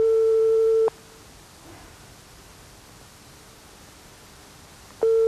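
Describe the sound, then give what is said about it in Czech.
A telephone ringing tone on the line: a steady, mid-pitched hum sounds for about a second, then a long gap of soft hiss before the tone returns. No one speaks. “Jak jsme volali Kohoutka.”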